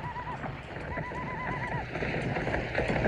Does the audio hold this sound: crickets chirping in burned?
no